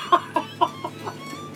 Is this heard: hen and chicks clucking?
yes